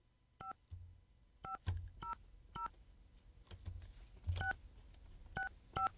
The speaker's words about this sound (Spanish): Ayer antier registramos a esta persona, vamos a ver si nos contesta, ojalá que sí, vamos a marcar.